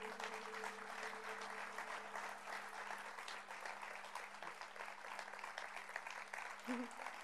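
A concert audience applauds as the band is invited back onto the stage: sustained applause, a dense steady crackle of many hands clapping at an even loudness for several seconds, with a faint low hum running beneath and no talking over it.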